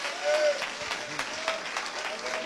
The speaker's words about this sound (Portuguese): Vamos receber também o meu esposo, amém? Com as palmas para Jesus, bem alegre.